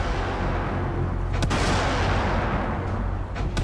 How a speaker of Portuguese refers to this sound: Quando inicia a retirada, a montante é alvo de disparos de morteiros vindos da cidade. Responde com tiros de intimidação.